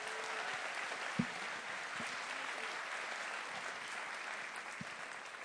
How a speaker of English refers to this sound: Yeah, round of applause for the cast.